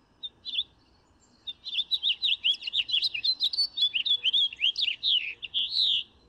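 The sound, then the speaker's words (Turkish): A colorful bird chirps in a quick, continuous run of high, bright notes, with a short call at the start, then a steady stream of rapid tweets ending on a longer, stronger note. No voices. “Ve çok da güzel renkli güzel bir kuş.”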